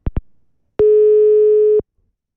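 telephone line tone

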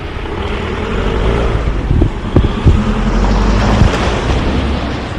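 speeding car

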